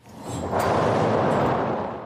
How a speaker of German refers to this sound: Zum Beispiel die Donnermaschine. Ja, ganz analog das Ganze. Da rauschen Stahlkugeln mit lautem Gepolter per Schnur über Holzlamellen 26 Meter in die Tiefe. Hören Sie nochmal.